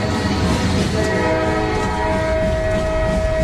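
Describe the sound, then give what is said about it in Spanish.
A train in 1909, on a journey from Paris to Cambon-les-Bains in the Pyrenees, rumbles along steadily while a sustained horn or whistle sounds over it, loud, with a dense mechanical roar underneath and no voices. “1909, Granados lleva 2 días metido en trenes, subiendo y bajando en estaciones desiertas, para llegar desde París hasta el pequeño pueblo de Cambon-les-Bains, o así, en la otra punta de los Pirineos”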